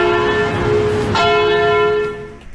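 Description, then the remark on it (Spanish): A bell, played on a show as the cue for a Friday confessions segment, rings with a bright strike, then a second clear strike around the middle, its sustained metallic tones ringing loudly before fading near the end. No voices are heard. “En este viernes de confesiones, se me olvidó poner la campana. Ahí va.”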